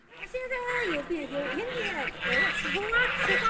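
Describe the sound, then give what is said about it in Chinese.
A large flock of geese being herded by a village woman honks and gabbles, many overlapping nasal calls rising and falling continuously and fairly loudly for the whole stretch. “大姐好，您这赶鹅呢？这么多鹅长得好漂亮啊！”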